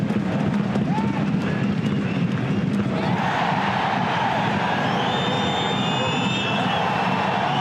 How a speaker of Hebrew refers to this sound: יש שם שאגה גדולה של הקהל וגם חלק מהשחקנים שבאים אל השופט.